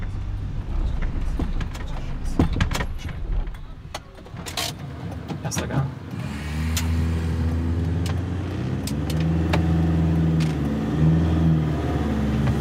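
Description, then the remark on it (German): Scattered clicks and rattles come first, then a car engine in first gear settles into a loud, steady whine, its pitch wavering and rising slightly as the vehicle drives on. “Bleib im ersten Gang, wenn er so jault.”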